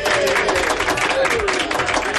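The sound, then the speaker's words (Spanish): Audience applause fills the whole moment, a dense, steady wash of many hands clapping at an even loudness, with a few indistinct crowd voices mixed in. “Pues el aplauso para ti”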